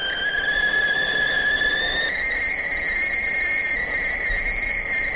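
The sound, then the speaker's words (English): A kettle whistles loudly and continuously as water boils for a cup of tea, its shrill tone climbing slightly in pitch and then holding steady over a low rushing, bubbling boil, with no one speaking. “Let me get that kettle going.”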